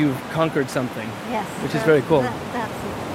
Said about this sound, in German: Jetzt werden die Wellen größer, das ist auch gut.